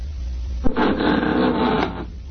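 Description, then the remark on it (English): A front door opens with a sharp latch click as somebody comes in, then a steady, breathy mechanical rush lasts about a second before fading out. No voices. “There goes the front door.”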